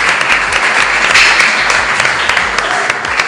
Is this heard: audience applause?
yes